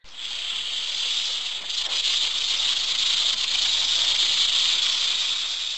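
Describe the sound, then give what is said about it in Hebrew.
A snake hisses in one long, unbroken breath, loud, holding steady for several seconds with a faint rustle of slithering underneath as it crawls toward someone. “שמע את הנחש זוחל ומתקרב אליו.”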